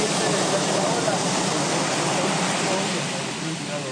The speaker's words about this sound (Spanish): Se espera que las costas de Guerrero sean afectadas por alto oleaje.